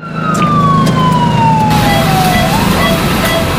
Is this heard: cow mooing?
no